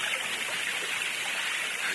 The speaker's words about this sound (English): You might be behind the waterfall.